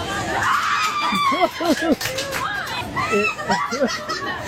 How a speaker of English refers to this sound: The lady hobbles over when she sees he's got the shoe. Her and her friends jumping up and down, screaming and cheering.